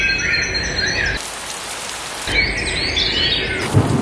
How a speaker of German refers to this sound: Ja, maximal 19 Grad heute, zum Abend hin in vielen Teilen wirklich Gewitter mit dabei, immer wieder Regen. Ja, so ist das.